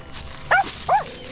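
A dog gives two short, sharp barks in quick succession against a quiet background with no one talking, as it pulls energetically toward a pond.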